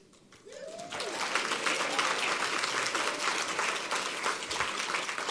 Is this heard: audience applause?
yes